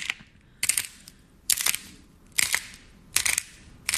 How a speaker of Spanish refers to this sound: Las bolitas esas que los niños avientan y chocan y suenan como chispitas. ¿Ya sabes cuáles son las bolitas?